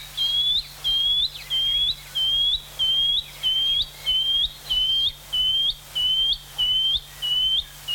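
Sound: shining cuckoo call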